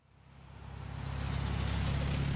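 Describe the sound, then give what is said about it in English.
A car swells in and roars past on a rain-wet road at the Juneau Douglas Bridge intersection in Juneau on a Tuesday morning, tires hissing through water, the noise building steadily to a loud, broad rush with no voices. “Cars zoom past candidates and supporters as they wave signs and sip coffee in the rain at the Juneau Douglas Bridge intersection Tuesday morning.”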